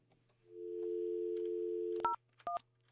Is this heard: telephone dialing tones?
yes